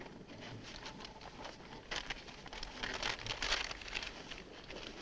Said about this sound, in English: Hey, you're the smart guy. Spread the map out on the hood.